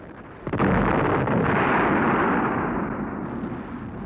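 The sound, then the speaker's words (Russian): A sudden artillery shell blast bursts out right in front of people walking through woodland, followed by a long, heavy rumbling roar that slowly tapers off; no voices are heard. “Внезапно снаряд разорвался прямо перед ними.”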